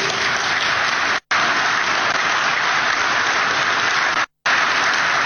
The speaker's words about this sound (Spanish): Los aplausos.